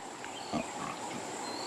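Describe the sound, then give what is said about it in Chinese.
A single short, low grunt from exhausted piglets too tired to walk stands out briefly, with a few softer snuffling grunts around it, all set against a steady high-pitched hiss of background noise. “体力告罄，小猪仔们一步也走不动了。”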